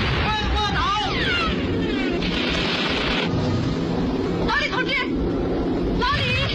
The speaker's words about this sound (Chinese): 飞机，快卧倒！